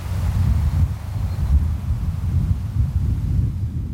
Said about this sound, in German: In der Ferne rauscht das Meer, ein paar Vögel sind zu hören und sonst nichts. Besonders schön ist es hier in der Nebensaison, wenn nur das Meer rauscht und der Wind durch die Gräser streicht.